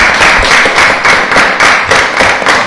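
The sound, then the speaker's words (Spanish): Loud applause welcoming a teacher and a team of girls who placed on the podium at a championship, a dense wash of claps with a steady rhythmic pulse running through it, continuing without any voices. “a quien le damos la bienvenida a ellas y a las chicas con un fuerte aplauso también, que hicieron podio.”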